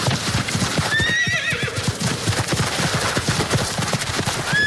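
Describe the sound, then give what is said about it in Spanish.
A horse whinnies with a rising, wavering cry over a steady, rhythmic clip-clop of hooves, and a second short neigh starts just as the sound ends. “El turismo a caballo, turismo ecuestre, va ganando cada vez más adeptos.”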